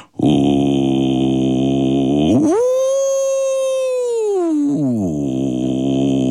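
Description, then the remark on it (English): In a studio, a single voice demonstrates an imitation of whale song: a long, steady low hum that swoops up to a higher sustained wail, holds for a couple of seconds, then glides back down to the low tone. “I'm going to need the 21 of you on cue to help me make the sound of whale song.”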